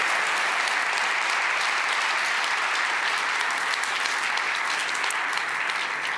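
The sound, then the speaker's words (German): Steady, sustained applause from an audience at a prize presentation for an audio feature, a dense wash of many hands clapping at an even loudness for several seconds with no voices standing out. “Einen ganz, ganz großen Applaus und danke für deine Arbeit”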